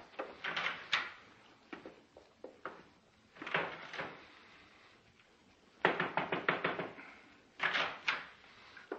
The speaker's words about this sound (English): I didn't mean to close the door in your face.